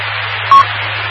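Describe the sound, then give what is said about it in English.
A radio roger beep: one short, mid-pitched electronic tone, about a tenth of a second long, sounding clearly over a steady wash of radio static and a low hum. “I still hear the Roger beep, I think.”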